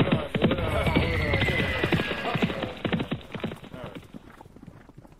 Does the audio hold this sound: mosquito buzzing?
no